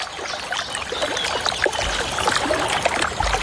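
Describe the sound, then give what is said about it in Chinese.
A group of young blue tits splash and flutter in shallow water as they bathe together: a busy, continuous patter of small splashes and droplets, fairly steady, with no voices. “水花飞溅的声音唤醒了小山雀那颗好奇的心，一群年轻的蓝山雀正在一起享受沐浴。”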